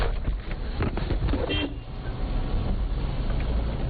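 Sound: car driving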